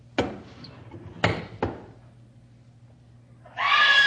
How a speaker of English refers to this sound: What's the matter? Why'd you scream?